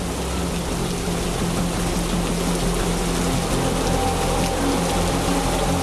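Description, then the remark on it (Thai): Steady, dense rain hisses across the whole recording at the sea during a storm surge with very strong wind, with a deep continuous rumble beneath it of very high waves crashing hard on the shore. No voices, just an unbroken wash of wet noise at constant loudness. “โอ้โหดูที่ทะเลสิคลื่นสูงมากลมแรงมากเลย ฝนเริ่มตกคลื่นกระทบฝั่งแรงแล้วก็สูงมากเลยนะ ไอ้แบบนี้เขาเรียกว่าคลื่นพายุซัดฝั่งน่ะ”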